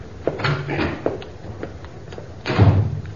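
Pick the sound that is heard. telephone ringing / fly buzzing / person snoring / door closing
door closing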